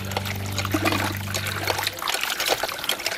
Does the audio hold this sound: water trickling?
yes